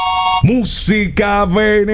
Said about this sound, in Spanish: presione la tecla de su teléfono para que active la ruleta. Ahí está.